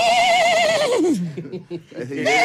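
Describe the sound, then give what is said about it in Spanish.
A person vocally imitates a horse's whinny, a loud, quavering high note that wobbles and slides downward into a rough, sputtering flutter before rising again, meant as the starting of an old engine. “¿Lo que quisiste hacer realmente era un motor, no era un caballo?”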